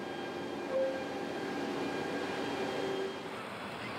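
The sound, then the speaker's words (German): A container freight train departs, rumbling steadily with a continuous low mechanical drone and faint metallic tones, heard alone, the sound slowly thinning toward the end as it moves away; it carries containers from Sweden toward Central and Southern Europe. “Heißt, der Zug kann pünktlich abfahren. Er bringt die Container aus Schweden jetzt Richtung Mittel- und Südeuropa.”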